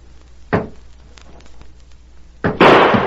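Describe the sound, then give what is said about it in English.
A sharp gunshot cracks out, then after a pause a second, louder blast bursts and rings harshly through the end, with no voices between the shots. The shots are fired point blank at a door, and a bullet goes through it. “I fired point blank at that door. You can see where the bullet went through it.”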